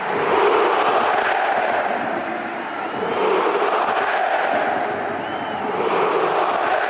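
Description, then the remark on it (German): A large Hamburger SV stadium crowd roars and applauds in stoppage time as loan players Luka Vucevic and Fabio Vieira are substituted off, a steady, dense wash of cheering that swells and dips slightly, with no clear voices standing out. “Und es war ein Tag der großen Emotionen, vor allem in der Nachspielzeit, als unter großem Applaus die beiden Leihgaben Luka Vucevic und Fabio Vieira ausgewechselt wurden.”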